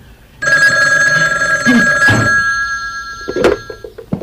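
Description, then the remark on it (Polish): A telephone bell rings in a sustained, bright, high-pitched trill, loud and steady for several seconds, with a couple of sharp clunks breaking in toward the end as the ringing fades. “Dzwonię właśnie po to, żeby panią przywitać w Smith's Loam.”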